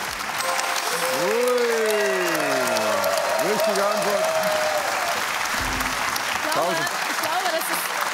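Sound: loud audience applause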